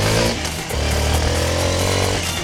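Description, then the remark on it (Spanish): A new Suzuki motorcycle engine roars loudly, dipping briefly before revving back up to a steady, buzzing drone with no voices over it. “Y prepárate a encender una moto Suzuki nuevecita.”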